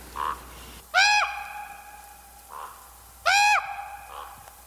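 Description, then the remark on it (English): Two loud, harsh, drawn-out caws from a crow or raven at a dump ring out a couple of seconds apart. Fainter, shorter calls answer in between. “Last week we had not one, but two mystery birds. Crows and ravens.”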